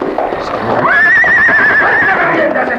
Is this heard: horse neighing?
yes